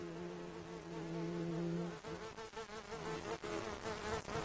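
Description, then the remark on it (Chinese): A bumblebee buzzes with a steady, low drone that turns wavering and uneven partway through, as if the insect is shifting around, as it returns safely to its nest. No voices are heard. “这只大黄蜂安全返回了巢穴，但它完全没有想到整个家族的命运已经发生了改变。”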